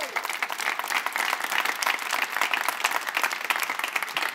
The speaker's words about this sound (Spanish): Les invito a dar un aplauso a Jesús.